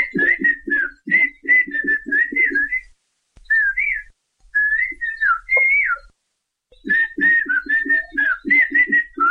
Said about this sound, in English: These are a couple of guys having a conversation. They're talking with whistles. You can do that in their language, Xochiapan Chinantec. They actually exchange information by whistling.